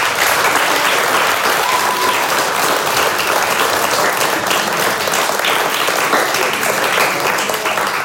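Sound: audience applause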